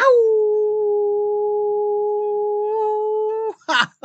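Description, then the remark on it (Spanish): A person imitates a long, steady wolf-like howl, one sustained tone held for about three and a half seconds, loud, ending with a brief breathy rasp. “Reciban un gran abrazo, apapachos, caricias al alma y un gran aullido por el gusto de estar con ustedes.”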